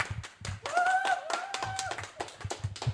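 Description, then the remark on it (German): A crowd claps in a dense, irregular patter of sharp hand claps for about three seconds, with a brief high whistle sounding over the applause partway through. “Klatscht ihr kurz nochmal? Can you please clap?”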